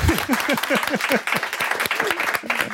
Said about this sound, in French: On peut applaudir.